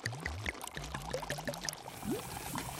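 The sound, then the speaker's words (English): Hyaluronic acid is slowly and steadily poured into a glass beaker, with gurgling, bubbly splashes and a slightly rising tone over a few seconds, with no one speaking. “Next it says to slowly pour in the hyaluronic acid.”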